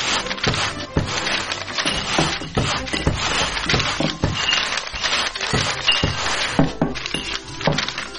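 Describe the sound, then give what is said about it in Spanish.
Glass bottles clink and clatter against one another in a busy, irregular, steady stream of sharp knocks and chinks, with rustling handling noise throughout, as litter is collected. “¡Encontré otra botella! ¡Aquí hay más papeles! ¡Junten todo de este lado!”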